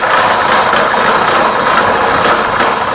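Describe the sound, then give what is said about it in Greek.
A hamster runs in the exercise wheel in its cage, the wheel spinning steadily and giving a continuous, fairly loud whirring rattle with a faint repeating pulse as it turns, and no voices over it. “Αυτό εδώ είναι ένα χάμστερ που γυρνάει στη ρόδα του, στο κλουβάκι του.”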